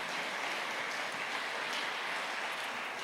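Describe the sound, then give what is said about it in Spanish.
An audience applauds for God in a dense, steady wash of clapping that holds at an even, fairly loud level for about three seconds, with no voices rising above it. “Dele ese fuerte aplauso si es para nuestro Dios.”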